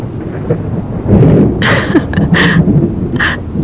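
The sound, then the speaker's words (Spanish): A thunderstorm with steady rain and a deep, rolling rumble of thunder, broken by several sharp, crackling bursts; loud and continuous, no voices. “La lluvia aclara las cosas, descampa, y un rayo de luz se asoma entre las cortinas.”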